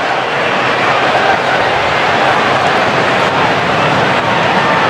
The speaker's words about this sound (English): Still hear the jets in the distance